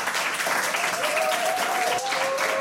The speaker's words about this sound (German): Es ist immer so schön mit Publikum. Weißt du, sonst im Radio applaudiert ja sonst keiner, finde ich ganz toll.